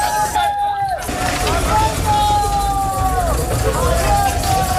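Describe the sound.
Army trucks carrying immigrants to the Tarajal border in Ceuta rumble steadily at night as they pull away, a dense engine drone filling the scene while a crowd of voices calls and shouts over it, with high whistle-like tones rising and falling.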